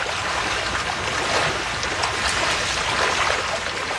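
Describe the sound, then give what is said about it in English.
Trout splash and churn in farm raceways as the evening feed is prepared, a dense, continuous rush of agitated water holding steady and fairly loud throughout, with no voices. “As he prepares the evening feed, fish begin splashing through the raceways.”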